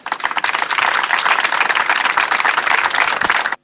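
An audience applauds steadily before a reading, a dense wash of many hands clapping at a loud, even level for a few seconds before cutting off abruptly, with no voices heard.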